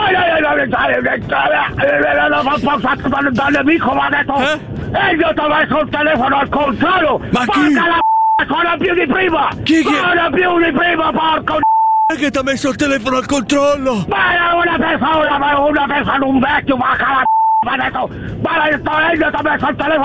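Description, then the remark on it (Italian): A telephone rings repeatedly as short, clear electronic tones that cut through in brief gaps, about three times, amid nearly continuous, animated talking. “Ma chi ha messo il telefono al controllo? Continua a suonare più di prima!”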